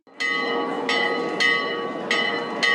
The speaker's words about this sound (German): Gegen 18 Uhr läutete Christian Brettschneider die Turmglocke des Schlosses.